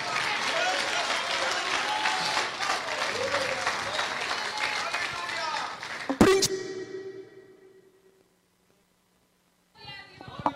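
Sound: audience applauding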